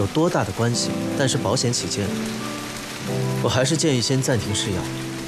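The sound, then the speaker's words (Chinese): Steady rain hisses continuously in the background while people talk over it, the downpour forming a constant wash of sound beneath their voices. “这下好了，下雨了，不好打车，我送你回去吧。”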